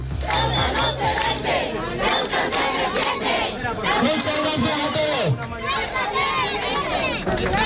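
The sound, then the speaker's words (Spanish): Hundreds of residents protesting in the autonomous city of Ceuta shout the rhythmic slogan "Ceuta no se vende, Ceuta se defiende" in unison, voices loud and massed, with overlapping cries and a steady roar of many people chanting throughout. “Ceuta no se vende, Ceuta se defiende, gritan”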